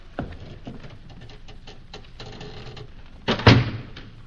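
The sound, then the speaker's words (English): A few soft shuffling taps lead up to a single heavy thud as a door is shut on a prisoner, followed by a brief low rumble and quiet. “The door, Yusuf. Cork up our prisoner”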